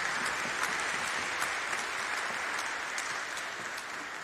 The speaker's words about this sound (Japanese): ありがとうございます。今一度品川さんに拍手をお願いいたします。